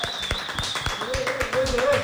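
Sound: applause from studio audience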